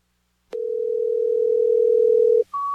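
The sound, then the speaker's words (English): A click, then a steady telephone dial tone hums loudly for about two seconds before switching abruptly to a higher, continuous beep. No voices. “Fee, are you there? Pick up the phone.”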